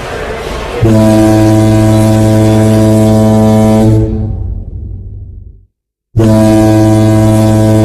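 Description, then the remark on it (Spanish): A loud, deep cruise ship's horn blasts in a long sustained tone as the ship departs at 5 in the afternoon, fades away into brief silence, then sounds again abruptly with the same low, rich blare. “Zarpa el barco, comienza el camarote.”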